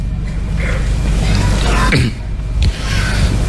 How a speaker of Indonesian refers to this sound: Ah, itu batuk.